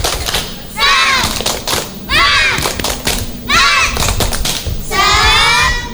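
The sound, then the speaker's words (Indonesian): A group does a 'tepuk semangat' (spirit clap) to open an event, clapping in a steady, loud rhythm, broken by four chanted shouts from many voices at regular intervals, with the claps continuing between each shout. “Baiklah teman-teman, supaya semangat, kita akan awali dengan tepuk semangat. Tepuk semangat!”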